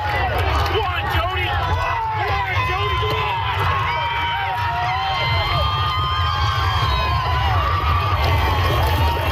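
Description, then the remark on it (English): A large crowd cheers and shouts continuously at night at the Gold Cup and Saucer harness race in Prince Edward Island, a dense roar of many voices with excited yells and whoops rising above it, loud and steady throughout. “And finally, an energetic crowd came out for PEI's iconic Gold Cup and Saucer race that took place last night at 11:58 p.m.”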